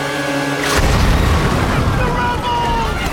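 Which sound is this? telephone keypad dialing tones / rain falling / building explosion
building explosion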